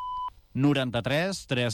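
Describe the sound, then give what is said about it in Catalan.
A single short electronic beep tone, steady and clear, lasting a fraction of a second before a person starts speaking; it is the signal of an automated phone line, after which the caller gives their name and surname. “Si us plau, digui'ns el seu nom i cognoms després d'escoltar el senyal.”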